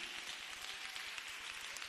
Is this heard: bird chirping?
no